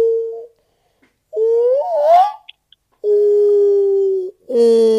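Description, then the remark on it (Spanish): A voice imitates a whale call with long, low, wavering hums that slide upward into a rising moan, followed by two steady sustained tones, with brief pauses between them. “Esa sería como una comunicación de ballena.”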